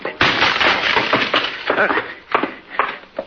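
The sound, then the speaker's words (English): A locked library door is forced open: a rapid run of loud, harsh cracking and splintering crashes, with several heavy impacts in quick succession over about three seconds. “Excuse me while I try to ruin a library door.”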